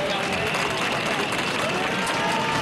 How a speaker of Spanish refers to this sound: la jornada ha sido más tranquila, aunque con pitidos tapados con aplausos a la llegada del general.